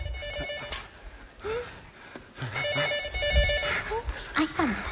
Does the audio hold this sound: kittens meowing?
no